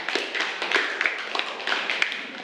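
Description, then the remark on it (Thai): A class group claps for group 1 for a couple of seconds: a dense, steady patter of many hands with a few sharper, louder claps poking out, moderately loud, and no talking over it. “ปรบมือให้กับกลุ่มที่1ด้วยค่ะ”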